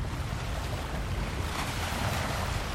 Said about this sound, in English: The waves of the Atlantic Ocean are hard, gently lapping against the shoreline, inching closer every day to the nearby beachfront homes.